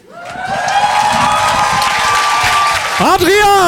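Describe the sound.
A crowd claps loudly and steadily throughout, mixed with sustained cheering voices; near the end a high, wavering whoop rises above the applause.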